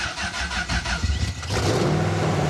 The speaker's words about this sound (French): Donc là en fait il faut d'abord mettre le contact, il n'y a pas de clé, d'accord. C'est simplement le bouton ici là. Ok. Donc la pompe à essence va se lancer. Ouais. Point mort et le bouton du démarrage, démarreur est ici. Faut accélérer un peu.